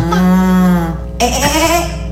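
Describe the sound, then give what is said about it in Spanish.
A voice imitates a cow, giving a long, loud, droning moo followed by a shorter, wavering second moo, with no other talk. “La vaca.”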